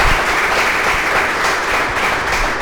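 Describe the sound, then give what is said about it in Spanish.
A burst of steady applause from a group for an increase, dense overlapping claps at constant loudness, sustained throughout with no voices on top. “Un aplauso para ese aumento.”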